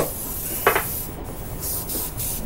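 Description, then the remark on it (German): Hairspray hisses onto a bride's wedding hairstyle in a hotel room at 10 a.m., in a steady, airy high-pitched spray, with a brief louder rustling burst early on and faint soft shifts of movement, no voices. “Es ist 10 Uhr morgens, als der Sprühnebel des Haarsprays sich auf die Hochzeitsfrisur der Braut legt.”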